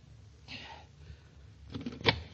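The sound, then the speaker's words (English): A few sharp knocks on the wooden door of a doctor's office, in quick succession, the last rap the loudest, following a brief soft rustle with no voices. “I knocked on the door.”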